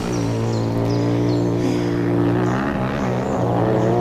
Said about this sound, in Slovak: Toto je pre Boha čo? No frasa, kde sa tu berú motorky? Hej, vy tam! Čo je to tu? Motocyklová rally?